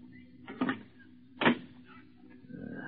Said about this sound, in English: I close the door, Mansell.